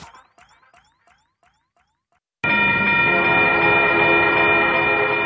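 A railroad crossing bell dings in a quick, steady rhythm, then a train abruptly roars past, loud and sustained with a tonal blare over heavy rumbling, on a rail line bordering the south side of the UA campus.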